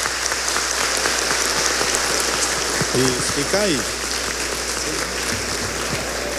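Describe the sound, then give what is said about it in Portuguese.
An audience applauds steadily throughout for couples just married at a church wedding ceremony, a dense even patter of many hands clapping, while a man briefly speaks over it partway through. “Dá um abraço, um beijinho, palmas para eles.”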